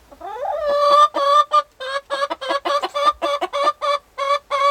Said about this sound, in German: und lässt ein kurzes Gackern hören.